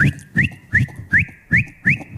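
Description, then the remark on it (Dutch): A person whistles an imitation of the warning signal street dealers in Rotterdam use to tell each other the police are coming: six quick upward-sliding chirps in steady rhythm, joined by a thin held tone, each chirp paired with a low breathy thump. “Dat zijn dealers die elkaar seinen dat de politie aankomt.”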